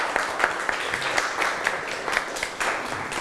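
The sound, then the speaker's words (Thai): A class claps together in a steady burst of applause for group 6, many hands producing a dense crackling patter that holds at an even loudness for several seconds. “ปรบมือให้กลุ่ม6ค่ะ”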